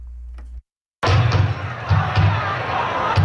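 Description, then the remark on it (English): A large, lively crowd celebrating at night at the unveiling of a deaf and hard of hearing community mural in West Hartford, Connecticut, murmurs and chatters in a busy open space, with a few sharp thuds and bursts of noise standing out against the steady background din. “A large crowd celebrated last night at an unveiling of a deaf and hard of hearing community mural in West Hartford.”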